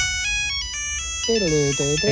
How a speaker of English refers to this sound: Because Gen Zers are now switching more and more to dumb phones. Like going back to the old Nokia with this ringtune.